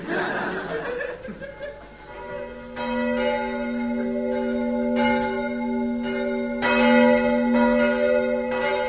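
Church bells ring out steadily for the New Year, each strike blooming into a long, sustained metallic hum that overlaps the next. A brief burst of chuckling laughter comes just before the bells begin.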